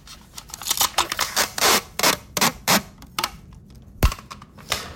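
Adhesive tape being pulled off the roll in a series of quick, crackling rips, fairly loud, followed by a sharp click and a few softer pulls.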